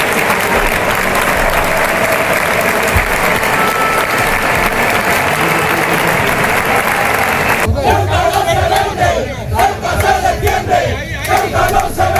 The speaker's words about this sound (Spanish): Así estaban los ánimos de la afición ceutí y un cántico que luego secundó también la afición mallorquinista.